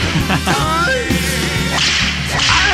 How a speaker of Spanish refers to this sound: Déjale la mano por allá sus latigazos, especialmente para el carnal Alexander.